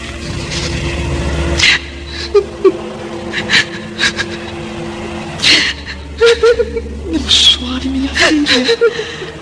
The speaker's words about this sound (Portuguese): percebe a pobre jovem chorando, sozinha em seu leito, abandonada novamente pelo marido adúltero.